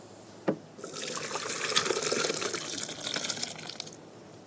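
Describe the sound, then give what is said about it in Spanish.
Cooked potato soup with onion and garlic is poured into a fairly large blender in a steady, splashing liquid rush lasting a few seconds, preceded by a brief clunk, with no one speaking. “Entonces, cuando eso ya esté listo, vamos a hacer lo siguiente, vamos a traspasar esta sopa a una licuadora.”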